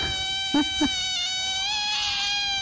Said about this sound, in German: Also es ist keine kaputte Quietscheente. Es ist tausendmal süßer als das. Das sind nämlich tatsächlich Otterbabys.